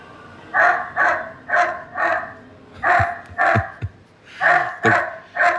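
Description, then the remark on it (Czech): An M20 security robot plays recorded dog barking in repeated bursts, a series of loud, evenly spaced woofs with brief pauses between groups, sounding canned, played back through a speaker rather than live. “My víme, že umí i štěkat. Teď si to můžeme poslechnout.”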